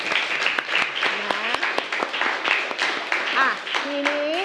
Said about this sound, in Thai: ขอชื่นชมนะคะทั้งต้นทางแล้วก็ปลายทางอ่ะปรบมือให้กับตนเองหน่อย